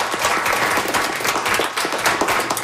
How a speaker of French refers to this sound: Alors, moi, j'aimerais que le groupe ici, on applaudisse très fort les deux très bonnes questions